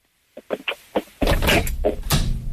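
A door being closed: several light knocks and clicks, then a loud, sustained rumbling scrape and bump as it swings shut, with no talking.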